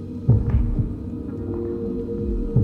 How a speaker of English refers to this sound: I listen carefully. But the only thing I hear is my footsteps and my own heartbeat.